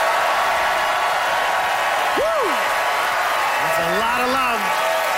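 A crowd applauds steadily in a loud, dense wash of clapping, with a rising whoop partway through and a burst of cheering shouts near the end, voting by applause in a debate for the side arguing that dipping sauce is awesome.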